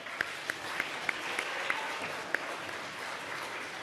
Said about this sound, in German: Und auch für die fünf einen heftigen Applaus.